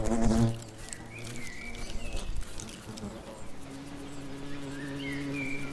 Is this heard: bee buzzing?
yes